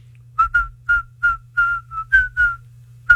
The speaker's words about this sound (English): And instead of singing the lyrics, I just whistle.